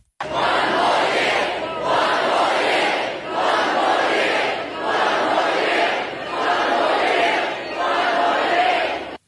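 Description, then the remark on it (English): A crowd of thousands of fans at Brisbane's River Stage, celebrating with the team after its third AFL Premiership in a row, roars and chants in a steady rhythm, the loud cheering swelling and dipping about every two seconds across five or six surges, with no individual voices standing out. “Thousands of fans have packed Brisbane's River Stage to celebrate with the team. Brisbane Lord Mayor Adrian Schrinner gave Fagan the city's highest honour, the keys to the city. The crowd did the rest.”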